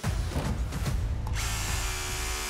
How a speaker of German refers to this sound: Oi. Ja, der Bohrer ist durch, aber ein Eisen drunter. Wir haben genau dort, wo wir das Zeichen gemacht haben, natürlich ein Armierungseisen drunter.